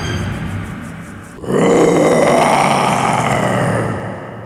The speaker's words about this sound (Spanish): Tiempo después, cazando el león, tropezó con una red oculta en la maleza, quedando prisionero. Atronando la selva, el león ruge fiero.